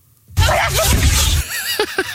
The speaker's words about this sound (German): Da geht gerade ein Video viral im Netz. Dieser lebende Dinosaurier, diese Killermaschine, dieser Alligator, der niest, Achtung, so. Wollt ihr es nochmal hören?